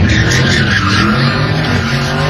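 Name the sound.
car tires squealing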